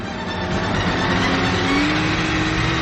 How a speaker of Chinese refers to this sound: 快艇迅速地开过去，在汪出血水的河面上转着圈。